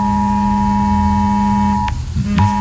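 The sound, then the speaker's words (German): A mobile phone emergency alert tone, sent to phones in Hamburg alongside sirens, blares a loud, harsh, steady buzzing tone that holds without a break, cuts out briefly near the end, then starts up again. “Genau, die Sirenen dürften da wohl das Auffälligste sein, aber auch unsere Handys werden wieder einen Alarmton abgeben. Den kennen wir ja mittlerweile schon, der klingt so.”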